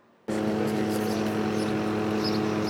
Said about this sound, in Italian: I sorvoli in elicottero per cercare di scandagliare la superficie del lago di Vico, mentre sommozzatori di vigili del fuoco e carabinieri vanno in profondità.